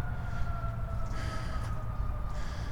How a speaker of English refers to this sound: So, sounds like there's emergency vehicles on West Maple Road.